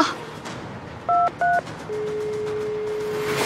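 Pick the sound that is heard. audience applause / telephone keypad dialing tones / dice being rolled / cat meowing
telephone keypad dialing tones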